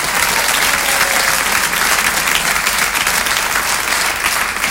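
Sustained applause from an audience, a dense crackle of many hands clapping steadily and loudly for several seconds without letting up, with no voices standing out.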